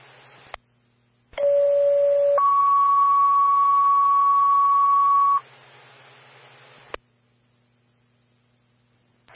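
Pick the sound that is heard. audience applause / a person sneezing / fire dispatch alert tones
fire dispatch alert tones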